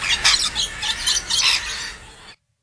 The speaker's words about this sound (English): Does anyone recognise that bird? I know it's not a plover. No, and we did hear plovers. Yeah. Was that a, am I allowed to say? Yeah. Is that a lorikeet? I think it's a lorikeet. Yeah. A rainbow lorikeet. It's not a cockatoo.